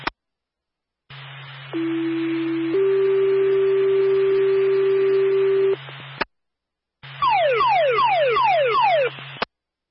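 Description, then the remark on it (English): A radio fire dispatch paging alert for the Claremont fire department, calling a response to a fire alarm, plays over a constant low hum: two steady sustained tones, a brief break, then a rapid series of descending sweeping warble tones. Loud and electronic, with no voices. “Stand by for a tone.”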